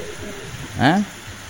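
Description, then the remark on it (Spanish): A steady wash of heavy rain, a brief downpour at about 5 in the morning in Joaquín V. González, pours down throughout, with a short, rising voice-like call cutting through briefly in the middle. “Escuchá cómo llueve acá en Joaquín B. González.”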